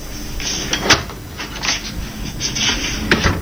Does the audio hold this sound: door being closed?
yes